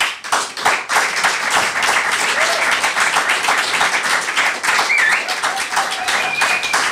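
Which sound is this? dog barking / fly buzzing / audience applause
audience applause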